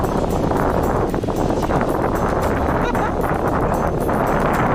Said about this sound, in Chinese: 果然。就在河谷地形变化剧烈之处，河水突然变得湍急起来。 哎呀，这个地方这么急！